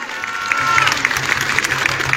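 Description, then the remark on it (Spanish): Sustained applause from an audience at a ceremony in Segunda Jerusalén for the president of the Republic: a dense patter of many hands clapping at a steady, fairly loud level, with a faint whistle-like tone early on and no voices speaking. “Un fuerte aplauso a nuestra presidenta de la República.”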